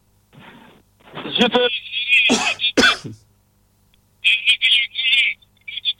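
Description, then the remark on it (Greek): A phone call line cuts out by itself: harsh, crackly bursts of distorted noise give way to a brief silence, then two short, shrill electronic tones sound. “Η τυραννία έφυγε, το τηλέφωνο τον γύρισε από μόνο του.”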